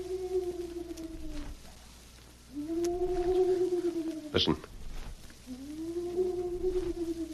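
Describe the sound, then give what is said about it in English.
A man imitates a hoot owl: three long, low, wavering hoots, each held for over a second with short pauses between. A brief spoken word and a sharp click come between calls. In a Lone Ranger radio drama, the calls come in the evening from just outside a jail cell window in Canyon City. “You mean it's somebody imitating the cry of a hoot owl?”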